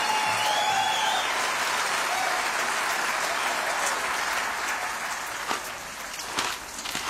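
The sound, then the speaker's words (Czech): A crowd applauds steadily, a dense, hissing wash of clapping that holds for several seconds, then thins slightly toward the end with a few sharper individual claps standing out. “Potlesk pro ně.”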